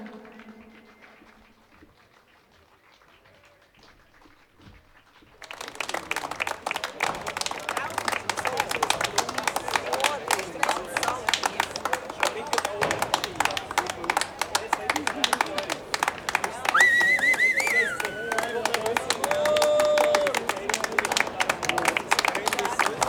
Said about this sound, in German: Wir hören da im Hintergrund noch die letzten... Es gibt Applaus, definitiv. Und verdient, denke ich mir, hat sie das.